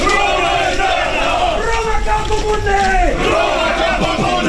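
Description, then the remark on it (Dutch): A crowd of Roman reenactors from the Netherlands, Germany, Belgium and Great Britain roars a sustained battle cry, many voices shouting together in a loud, continuous wall of sound with rising and falling pitch over several seconds. “Dat is ook leuk als je gewoon lekker kunt gaan schreeuwen.”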